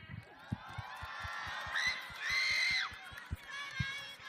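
A large crowd applauds and cheers after a stage performance, with high excited shouts and screams swelling in the middle, over a steady rhythm of low thumps beneath the dense roar.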